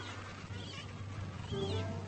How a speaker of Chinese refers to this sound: 所有企鹅都要履行复杂的求婚仪式，他们手舞足蹈并发出尖利的鸣叫，这种驴吼一般的巨大叫声表明巢穴已经建好，同时警告其他同性不要靠近。